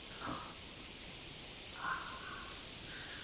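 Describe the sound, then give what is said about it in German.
A soft, steady wind rustles through a cornfield at night under the stars, an even airy hiss throughout, with a thin high whine and a few brief bird calls breaking through. “Ein kleiner Wind ist aufgekommen. Hört ihr das Rauschen des Feldes”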